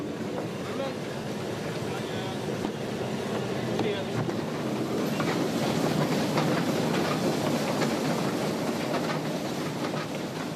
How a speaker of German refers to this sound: Eine österreichische Dampflok aus dem Jahr 1917 zieht die Wagen mit Aussichtsplattform.